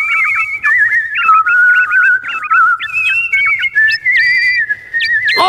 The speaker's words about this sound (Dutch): In de doos zat een nachtegaal. Maar geen echte. Nee, deze nachtegaal was gemaakt van goud, saffieren, robijnen en diamanten. Nu kunnen ze samen zingen.